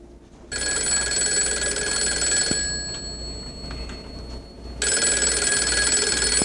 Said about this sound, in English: Sunday evening, the phone rang.